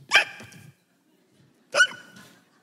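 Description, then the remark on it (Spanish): A person mimics hiccups with their voice, two sharp, loud hiccup sounds about a second and a half apart, each trailing off briefly, with no talking. “Y cada vez que hacía un hipo, y cuando manejaba era un desastre.”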